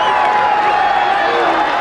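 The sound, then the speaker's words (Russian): A large crowd roars continuously, with many overlapping voices blending into a loud, dense wall of cheering, as if heard from the stands of a packed stadium. “Представьте себе трибуны с болельщиками.”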